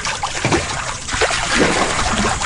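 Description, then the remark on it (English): Water sloshes and splashes steadily in a warm hot tub as people make waves, a continuous churning with small bursts of splatter and no voices. “And that's why we're in the hot tub.”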